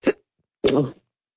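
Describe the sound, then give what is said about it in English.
Two abrupt hiccups: a sharp, brief catch first, then after a short pause a longer voiced gulp with a throaty tone. No talking around them. “Sorry, I've got the hiccups.”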